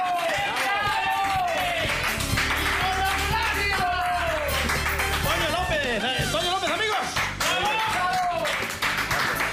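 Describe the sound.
A small group claps steadily for several seconds to welcome a guest to a show, a dense patter of hands with voices calling out and chattering over it.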